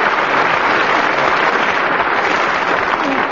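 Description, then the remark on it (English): Steady, dense applause from a crowd, loud and continuous throughout with many hands clapping at once and no voices standing out. “But not quite as much applause as I got.”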